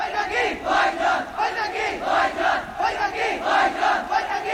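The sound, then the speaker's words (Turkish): A large crowd of the people of Pakistan shouting together in loud, surging waves, many voices rising and falling in a rhythmic, chant-like pattern with no single voice standing out. “Bu sesleri duyuyor musun? Bu Pakistan halkının sesi.”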